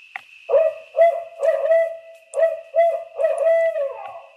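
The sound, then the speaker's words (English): Recorded calls of barred owls, since killed, play back through speakers beside a logging road in the darkness in a rhythmic series of loud, resonant hoots, with a steady high electronic tone underneath and no talking. “Mark records the calls of almost every barred owl before he shoots them. And it's those hoots that are now playing out of these speakers.”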